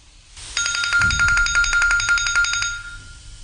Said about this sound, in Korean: 바로 그때 전화벨이 크게 울리면서 두 사람을 모두 깜짝 놀라게 했다.